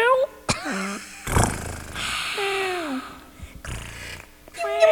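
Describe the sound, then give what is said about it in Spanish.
A pet cat meows several times, drawn-out, wavering cries spaced across a few seconds, with breathy noise and short bursts of sound between them. “Entonces, oye, le quiero mandar un saludo a mis gatos.”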